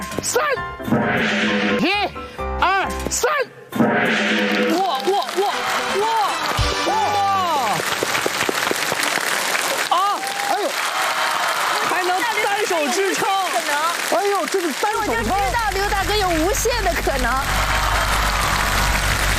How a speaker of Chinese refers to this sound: 来， 试试。 掌声响起来。